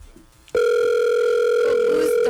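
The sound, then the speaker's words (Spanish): A steady, unbroken telephone dial tone cuts in abruptly after a brief moment of quiet and holds at a constant loud level to the end, with no talking over it. “usted tiene ponchado el teléfono en las llamadas y está todo eso al aire.”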